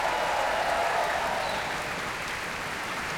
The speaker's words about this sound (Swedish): Alan Gilbert inne på scenen här igen. Orkestern lägger sig i applåderna. Och när olika solistiska insatser här hyllas, som ni hör.